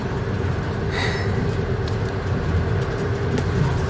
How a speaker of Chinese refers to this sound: 这火车开得可真快。